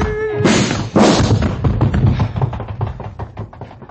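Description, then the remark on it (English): Two hard punches land in quick succession during a fight, one to the stomach and one through a man's jaw, followed by a rapid, rough flurry of smaller thuds and scuffling impacts as a body struggles and falls. “But then as he came in again, I drilled through his jaw.”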